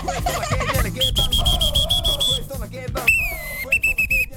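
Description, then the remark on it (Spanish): Two referee whistles, received as a gift, are blown to check their sound in a few long, shrill blasts: a steady high tone for over a second, then a slightly lower whistle sounding in shorter bursts, over background voices and clatter. “Me regaló dos silbatos.”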